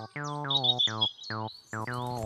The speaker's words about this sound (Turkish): Serçe de değil, karga da. Ne? O bir kara tavuktu çocuklar. Tavuk mu? Tavuk değil, kara tavuk